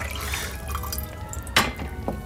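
Tea pours steadily into a small teacup with a continuous trickling splash, broken by a brief clink of china partway through and another soft tap near the end.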